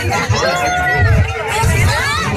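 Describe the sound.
A large crowd cheers and shouts together while watching a spectacular natural phenomenon, a loud, continuous wash of many overlapping voices rising in excited whoops, filling the whole moment.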